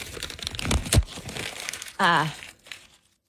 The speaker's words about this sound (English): Oh, crumpling of the sheet. Tossing, oh, then there's ripping going on.